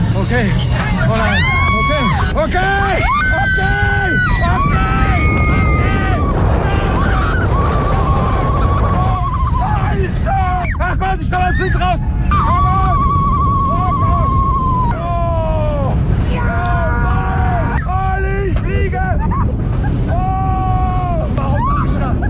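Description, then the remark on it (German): A ride on the Silver Star roller coaster at Europa-Park in Rust at 130 km/h: a steady, loud roaring rumble runs throughout while riders let out wavering high-pitched screams and shouts that rise and fall over and over. “beim Achterbahnfahren. 130 km/h mit dem Silver Star im Europapark Rust.”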